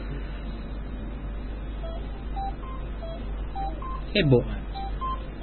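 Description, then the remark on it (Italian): A series of about eight short telephone keypad beeps, spaced unevenly as a number is dialed, over a steady low hum with a brief rustling bump partway through. “Ascoltiamo la telefonata”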